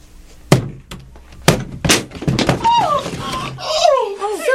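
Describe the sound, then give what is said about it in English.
A door is battered down with four or five heavy, splintering thuds at an uneven pace, followed by rising and falling voices and scraping noise as the pounding gives way. “They're breaking down the door.”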